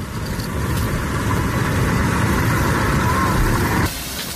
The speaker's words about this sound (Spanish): Es el sonido de las tareas de extinción en la zona cero de la tragedia. Más de 500 efectivos siguen a esta hora intentando apagar el incendio originado en Los Gallardos, en Almería, y que ha calcinado ya más de 6.500 hectáreas.